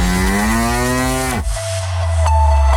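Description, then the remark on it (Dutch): A cow moos loudly, one long drawn-out call with a rising then falling pitch, ending abruptly before a low rumbling hum continues. “Een koe.”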